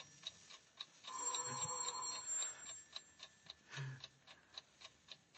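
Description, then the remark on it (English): A clock ticks steadily and crisply, about two ticks per second, while a brief ringing tone rises and fades beneath the ticks early on. No one speaks. “Tick-tock. 7 minutes to three. In 7 minutes, the alarm goes off.”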